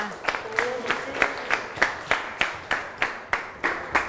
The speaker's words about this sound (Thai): เก่งมากค่ะนักเรียนปรบมือให้เพื่อนหน่อยค่ะ